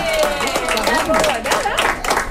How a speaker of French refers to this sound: On applaudit